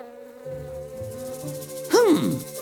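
Wasps fly over a poppy meadow with steady buzzing and a sustained hum, swelling into a louder, pitch-bending buzz near the end as if a wasp swoops past. No talking.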